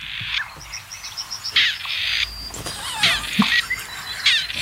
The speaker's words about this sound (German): Ich finde nach wie vor, dass das Rebhuhn klingt wie ein uraltes Telefon mit Wählscheibe. Oder?